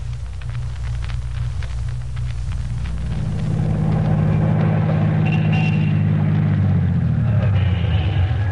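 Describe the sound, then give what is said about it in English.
A car engine idles with a steady low rumble, then revs up and grows louder around the midpoint before its pitch eases back down toward the end. No one speaks. “get this car in shape. It sounds like it hasn't been greased in a year.”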